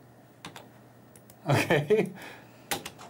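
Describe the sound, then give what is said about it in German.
A few sharp keyboard key taps come in scattered bursts, with a short stretch of someone speaking in the middle and more clacking near the end. “Deswegen mal rein, die Tastatur hält dich auf.”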